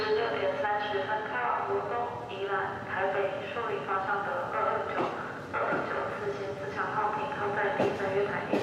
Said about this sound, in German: Weiter geht's Richtung Süden im Intercity. Auch dieser Zug ist recht neu und seit 2021 im Einsatz.